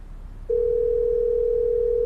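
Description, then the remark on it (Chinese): A steady, unbroken telephone tone begins after a brief moment of quiet background noise and holds at an even, fairly loud level to the end, as someone places a call to their older brother. “咱这样，咱给哥哥打个电话好不好？”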